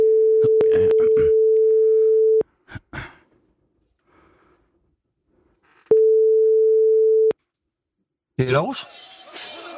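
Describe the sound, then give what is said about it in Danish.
A telephone ringback tone sounds twice as long, steady, droning beeps separated by a pause with faint clicks and breathing, before a voice briefly comes on at the end. “Så ringer vi.”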